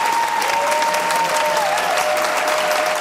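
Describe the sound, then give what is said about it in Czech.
Loud, sustained applause from a large crowd in a full hall, a dense steady patter of many hands clapping throughout, with a thin faint tone running beneath it, seeing off a 76-year-old comedian after a screening of Švankmajer's film Spiklenci slasti at the summer film school in Uherské Hradiště. “Ještě než převzal výroční cenu Asociace českých filmových klubů, pobavil 76-letý komik po projekci Švankmajerova snímku Spiklenci slasti zaplněný sál, který ho vyprovázel nadšeným potleskem.”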